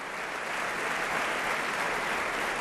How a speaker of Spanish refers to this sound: El público está aplaudiendo a los actores, al coro y a los solistas que nos han ofrecido este nuevo Lohengrin, con escenografía de Mark Lührer, con vestuario de Thomas Kaiser, iluminación de Peter E. Jones y dramaturgia de Daniel Weber.